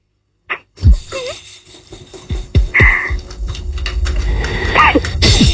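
A series of harsh, explosive coughs, several sharp bursts spaced unevenly over a few seconds, with a rough, noisy background that grows louder toward the end.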